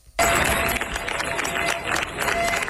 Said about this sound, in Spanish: Así han despedido los vecinos de Niebla entre aplausos a los efectivos de la UME que han comenzado su repliegue tras 10 días de lucha contra un incendio que ha recorrido más de 38.000 hectáreas.